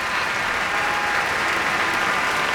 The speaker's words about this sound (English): Now Teddy Abrams asking many people to be acknowledged for their contributions. Big cheer for Vicky Garcia there.